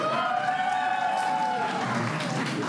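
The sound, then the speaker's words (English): A crowd bursts into sustained applause mixed with cheering voices and a whistle-like whoop, answering a performer's applause survey of who plans to party all night long, a dense, steady wash of clapping that holds at full strength for the whole moment. “How many of you plan on partying all night long tonight by a round of applause?”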